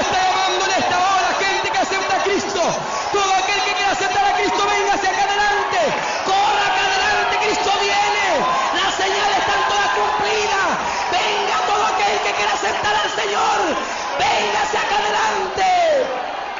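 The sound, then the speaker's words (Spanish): A large evangelical church audience shouts and cheers together for about seventeen seconds, a dense, loud wall of overlapping voices with rising cries and whoops and no pauses. “¡Gloria a Dios! ¡Cuánto grita!”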